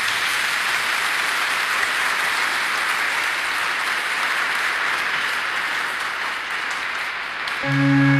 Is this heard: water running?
no